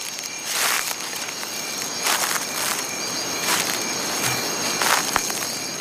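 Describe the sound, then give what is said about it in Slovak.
Quiet footsteps of a jaguar padding among the trees of a night jungle: four soft, slow rustling steps over leaf litter, set against a steady background of chirring insects. “Jeho kroky sú také tiché, že pripomínajú šuchot padajúceho lístia.”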